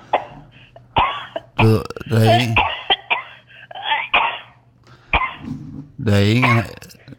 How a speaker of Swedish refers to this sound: Det är en riktig ärlig hosta du har.